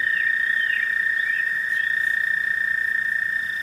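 An American toad gives a long, unbroken high musical trill that runs loud and steady through the whole stretch, with faint chirps from other frogs or insects in the background.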